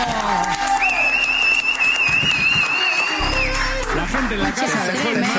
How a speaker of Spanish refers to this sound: ¡Fuerte el aplauso!